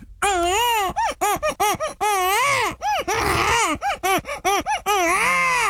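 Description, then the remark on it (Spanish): A baby cries in a church in loud, high-pitched wails broken into quick rhythmic bursts, with a few longer, strained cries at the start and end. No talking is heard. “Un bebé llorando.”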